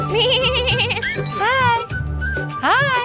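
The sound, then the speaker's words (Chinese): Sheep bleat in a quick series of three loud, quavering cries, each wobbling in pitch and following one another with barely a pause. “哦，好像也有绵羊。”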